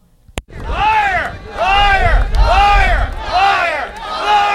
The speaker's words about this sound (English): Protesters booed and shouted liar as they denounced government's about turn on holding a referendum on the deal.